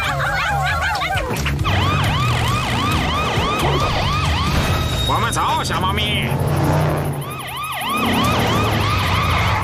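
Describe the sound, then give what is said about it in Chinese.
A museum's laser security alarm siren wails, sweeping up and down in repeated arcs throughout, loud and steady, with a low rumbling hum beneath and a person speaking briefly over it. “激光警报器还开着，我们及时赶到了。”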